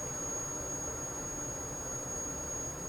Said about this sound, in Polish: Mleko, jak zapewne słychać, po charakterystycznym szumie zaczyna się gotować.